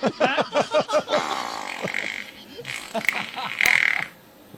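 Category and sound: sound effect, fart sound effect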